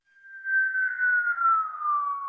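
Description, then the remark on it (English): Helicopter infrasound sped up into hearing range: a sustained, high-pitched whistling tone that fades in and glides slowly downward in pitch, wrapped in a faint rough haze, with no talking. “This is the sound you collected from a helicopter.”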